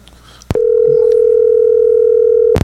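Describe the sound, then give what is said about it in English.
After a phone call goes dead, a steady telephone dial tone starts abruptly after a brief click and hums on loud and unbroken for about two seconds before cutting off. “The phone went dead.”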